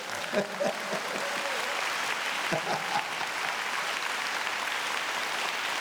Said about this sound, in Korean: 이럴 때 박수 쳐버려.